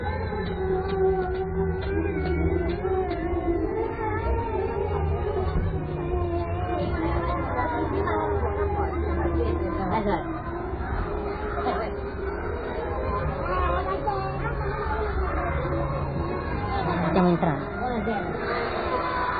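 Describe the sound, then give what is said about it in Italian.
A dense, steady murmur of many overlapping voices fills a church, a continuous babble with no clear words standing out, holding an even, moderately loud level throughout. “Ci prendiamo di coraggio e entriamo in chiesa. Stiamo entrando in chiesa.”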